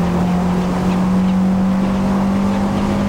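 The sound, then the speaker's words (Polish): A racing game car's engine drones steadily at a constant pitch, loud, with a low rumble underneath and no talking, as the player releases the throttle at a long right hairpin. “I znów tutaj puściłem gaz.”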